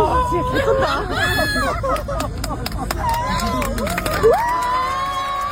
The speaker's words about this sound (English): Who do you think the applause was for?